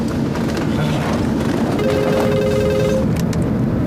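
A mobile phone rings with a steady electronic tone that sounds for about a second, partly masked by a constant loud hiss like rain. Nobody speaks.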